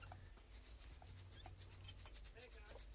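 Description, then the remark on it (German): A steady, rapid rasping rattle imitating a rattlesnake, made by rubbing or shaking something dry in quick pulses as a round in a sound-guessing game, continuous for a few seconds with no talking. “Bingo. Klapperschlange!”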